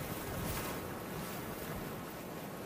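A steady, broad wash of ocean surf fills the scene, a continuous roar of breaking waves with a faint windy hiss over it and no voices.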